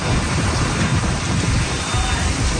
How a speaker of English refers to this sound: Strong winds and rain ripped through parts of Florida. It downed power lines and trees and destroyed several properties.